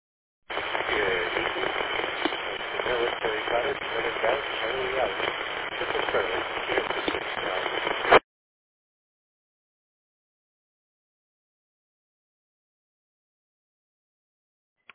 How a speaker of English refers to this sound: All right. Lots of static on you this evening